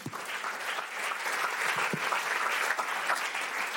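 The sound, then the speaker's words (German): A group of people clapping steadily, a dense, continuous patter of many hands at moderate volume that holds for several seconds without anyone speaking over it. “Kleiner Applaus für dich, komm.”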